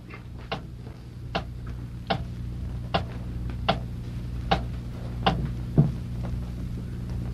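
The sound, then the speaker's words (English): A clock ticks steadily, with sharp, evenly spaced clicks roughly every second over a low background hum. No one speaks. “Hey, the clock has stopped.”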